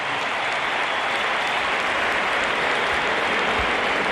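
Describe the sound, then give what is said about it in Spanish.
A huge stadium crowd gives footballer Dani Carvajal an ovation as he comes on as a substitute for Alexander Arnold, a steady, dense roar of clapping and cheering that holds at full loudness for the whole stretch, with no speech over it. “Aplausos para Bellingham y ahora vamos a escuchar la ovación que se va a llevar Carvajal porque sale por tren Alexander Arnold.”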